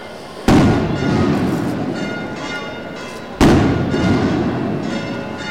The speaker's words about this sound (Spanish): suenan las campanas, continúan los aplausos. Muchos vecinos intentando inmortalizar este encuentro histórico con sus teléfonos móviles.